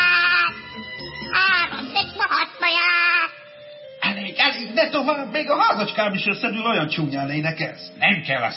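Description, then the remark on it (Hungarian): A voice imitates a cat meowing, drawn-out and sing-song with rising and falling pitch, repeated several times in an expressive delivery with no other sounds around it. “Elment a tyúkocska, s nyomban jött utána egy círmos cicácska.”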